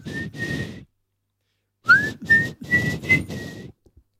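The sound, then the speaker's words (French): Someone whistles a short tune into a microphone: two sustained notes, a pause, then a quicker run of several pitched notes, slightly breathy, ending with faint clicks. “Tu saurais nous le siffler ou c'est trop spoilé?”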